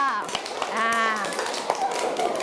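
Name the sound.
children clapping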